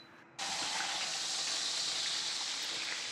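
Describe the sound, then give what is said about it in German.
A bone-in leg of wild boar is briefly seared in a hot pan, a sudden burst of loud, steady sizzling that hisses on without pause, with no voices. “Joe brät die Keule kurz in der Pfanne an.”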